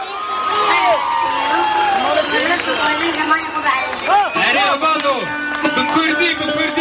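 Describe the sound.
A large, dense crowd cheers and sings along together, many voices rising and falling in pitch, loud and close with a constant roar of chatter beneath.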